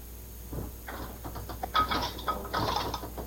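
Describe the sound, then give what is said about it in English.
A dishwasher door in a home kitchen swings open and a rack slides out, with a series of rattling clunks and metallic scrapes over a few seconds. “This kitchen was not designed with me in mind, except one thing, this dishwasher.”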